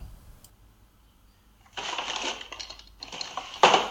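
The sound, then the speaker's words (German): After a brief quiet moment, someone rummages through a drawer of a baroque dresser holding hair clips, hairpins, makeup and earrings: irregular rustling and the light clatter of small objects shifting, ending with a sharper, louder clack. “Aber ich werde mal in dieser barocken Kommode hier mal schauen, ob ich da vielleicht in den Schubladen irgendwas finde.”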